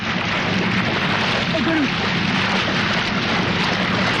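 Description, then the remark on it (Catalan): Heavy, continuous splashing and churning of water as a man who has jumped from a small boat wrestles a crocodile in the water at night in Australia, a dense rushing wash that stays loud and steady throughout, with a faint muffled voice briefly audible beneath it. “O sigui, aquest xipolleig... Sí. És ell dins l'aigua abraçant un cocodril, eh?”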